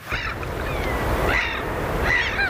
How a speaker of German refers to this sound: Möwen und Wellen, guter Stoff, sagt einer der Moderatoren im schwedischen Radio. Es ist mitten in der Nacht. Irgendwo an der Küste rauschen die Wellen. Möwen schreien im Wind.